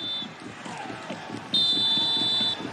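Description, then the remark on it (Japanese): A referee's final whistle at a Meiji Yasuda J2/J3 league football match involving Kofu: a brief high peep, then one loud, steady, shrill blast lasting about a second, sounding over a constant rhythmic thumping of crowd noise. “ここでファイナルホイッスル。”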